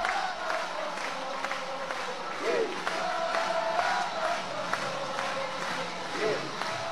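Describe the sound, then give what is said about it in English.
A University of Oklahoma Sooners softball crowd roars in a steady, sustained cheer after Lexi McDaniel's three-run pinch-hit home run, with shouts and scattered whistles rising above the dense wash of voices and occasional claps, holding at a fairly constant loud level throughout. “Listen to this crowd.”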